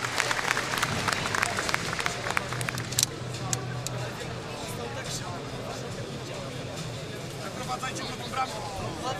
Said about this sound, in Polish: Raz jeszcze, w tym ciężkim dla niego momencie chciałbym, żebyśmy nagrodzili wielkimi brawami